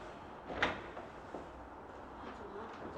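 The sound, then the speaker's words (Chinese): A door is opened as police call at it during an illegal currency exchange investigation in Beijing's Chaoyang District. One sharp latch clunk near the start, then a couple of softer knocks and clicks over a steady low background noise, with no one speaking. “哦，派出所的，派出所的，开开门。”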